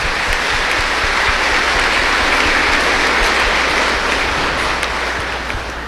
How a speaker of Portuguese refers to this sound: Então, uma salva de palmas para o vovô, para a vovó, para o idoso e a idosa.